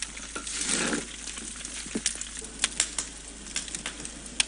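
Sharp, irregular crackles and pops rise from a pot of braised rice as the rice crust forms after about ten minutes of cooking, over a soft sizzling hiss, fairly quiet, with scattered snaps continuing steadily throughout.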